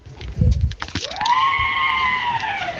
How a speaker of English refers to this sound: Oh, that is scary. Dan says that's the door at my local store in Winterbourne. Sounds like the coming of the banshees, doesn't it?